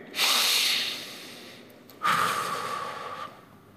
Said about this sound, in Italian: Fate un respiro tutti insieme, pronti? Uno, due, tre.